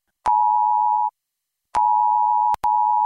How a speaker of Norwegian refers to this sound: Hei, dette er en viktig melding fra politiet og sivilforsvaret. I dag klokken 12 testes nødvarsel på mobil.